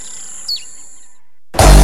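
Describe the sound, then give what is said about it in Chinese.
A single short, high bird chirp sweeps downward over a faint steady hum, followed by a moment of silence before a sudden loud burst of other sound cuts in. The birds sing outside a window, calling and flying around a tree. “喜欢鸟儿在窗外唱响，围绕着树不停地叫，不停地飞。”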